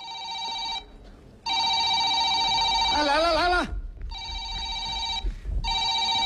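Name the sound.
telephone bell ringing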